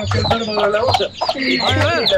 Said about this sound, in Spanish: Gallos y todo, gallos y todo.